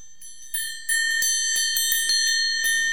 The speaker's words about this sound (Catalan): He portat unes campanes diferents que escoltarem i es tractaria de ordenar aquestes campanes. Jo primer us les presento. Mira, la campana número 1 és aquesta.